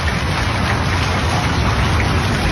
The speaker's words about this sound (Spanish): Sonido de lluvia. Bueno, entre Chazón y Río Cuarto está feíto